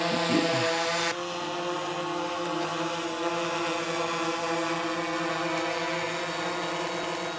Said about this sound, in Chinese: 然而，在多山地区或城市，受地形和飞行区域的限制，用于航空拍摄的是轻便的多翼无人机。无人机成本低，操作灵活，成为现代考古工作的利器。